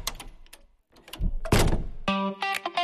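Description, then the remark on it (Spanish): A heavy Eurosegur armored door from Accor System Puertas Acorazadas in Cuenca swings shut with a solid thunk after a few sharp mechanical clicks, followed by a bright, sustained metallic ringing. No voices. “Hola, soy tu futura puerta Eurosegur, la que va a cuidar tu hogar junto con Accor System Puertas Acorazadas en calle Colón 14, Cuenca.”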